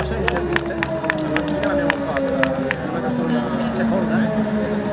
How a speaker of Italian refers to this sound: Applausi a tutti, applausi meritatissimi, via via.